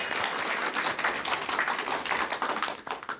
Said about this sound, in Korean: 네, 아 정말 좋은 질문이에요. 네, 여러분 박수 부탁드릴게요.